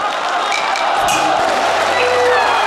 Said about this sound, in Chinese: 看到观众喝彩，梅雨田也很兴奋。他把一个新曲牌来回变着拉，引得台下好声连连。